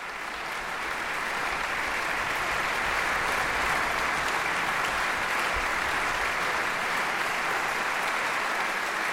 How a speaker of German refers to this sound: Applaus für die NDR Radio Philharmonie und ihren Chefdirigenten Stanislav Kochanowski. Sie sind bei NDR Kultur mit dem Konzert vom gestrigen Abend aus dem großen Sendesaal des NDR Konzerthauses in Hannover.